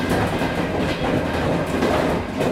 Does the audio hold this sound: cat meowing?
no